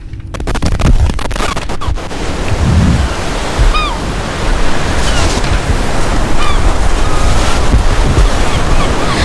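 Steady wash of beach surf and breaking waves fills the whole stretch, with wind buffeting the microphone and a few faint bird chirps on top. No one speaks.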